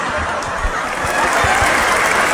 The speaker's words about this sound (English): Please clap. Literally start clapping.